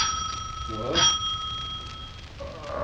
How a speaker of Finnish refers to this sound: Eräänä sunnuntai-iltapäivänä oli Kustaa juuri nukahtanut keinutuoliin, kun ovikello soi.